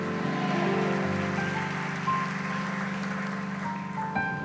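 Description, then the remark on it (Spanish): A large crowd applauds Jesus at a night gathering, in a dense, steady roar of clapping that holds loud and even for the whole stretch, with sustained musical tones humming beneath it. “Bien fuerte el aplauso a Jesús.”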